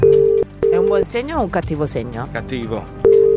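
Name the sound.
telephone line tone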